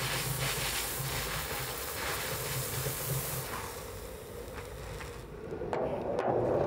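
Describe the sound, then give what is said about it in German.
Steam hisses loudly and continuously from all four valves of a steam locomotive running slowly to blow out condensation water, over a low mechanical rumble, the broad rushing noise shifting briefly near the end before surging again. “Deswegen mache ich das jetzt mit durch langsam oder ja, langsam Fahrt, bis aus allen vier Ventilen der Dampf rausströmt.”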